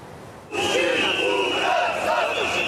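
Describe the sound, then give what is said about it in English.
A large crowd of student-led anti-government protesters marching through the streets of Belgrade, Serbia, calling for elections and the resignation of President Aleksandar Vučić, erupts into loud, sustained shouting and chanting, many voices rising and falling together over a steady shrill whistle-like tone. “Student-led protesters marched through Belgrade on Sunday calling for elections and the resignation of President Aleksandar Vučić.”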